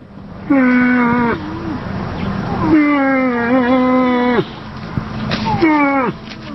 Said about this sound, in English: This is the call of a female moose. Moose are the largest members of the deer family. Males stand 6 feet tall at the shoulder and can weigh over 1,400 pounds. While bull moose make a deep, bellowing sound, the call of the females is much softer.